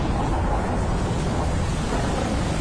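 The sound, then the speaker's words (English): A stormy night over the Midlands with wind and thunder: a steady, loud roar of wind and low rumbling fills the whole stretch with no pauses, enveloping, and no voices. “Relax and unwind to the sound of the stormy night over the Midlands.”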